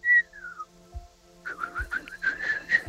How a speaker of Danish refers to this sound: Der må fløjtes.